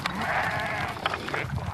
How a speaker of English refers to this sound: Oh, fucking hate sheep. I fucking hate them.